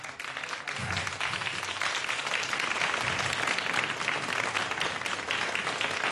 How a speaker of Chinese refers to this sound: 给你掌声， 谢谢啊， 卢亮辉大师一下。